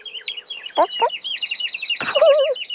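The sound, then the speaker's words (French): A hen clucks in short bursts while a crowd of chicks following behind her peeps continuously in high, thin chirps, fairly loud with no talking. “La maman poule arrive et derrière elle, il y a tous les frères et sœurs du petit poussin jaune qui la suivent à la queue leu-leu.”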